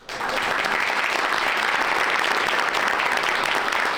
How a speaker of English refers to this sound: There you go. Big applause for the new boss there.